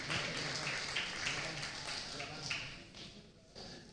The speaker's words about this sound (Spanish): Denle fuerte aplauso al Rey de Reyes y Señor de Señores.